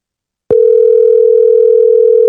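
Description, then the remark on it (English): After a brief silence, a loud ringing tone of an outgoing phone call, placed by voice assistant, starts abruptly and holds as one steady, unbroken electronic hum for about two seconds, with no voices. “Oh, then she won't answer the phone.”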